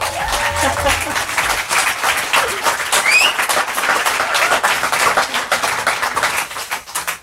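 Loud, steady audience applause in Leuven at a live concert on the terrace of M Leuven as a band goes to its places, about seven seconds of densely clapping hands with scattered cheers and a brief rising whistle partway through.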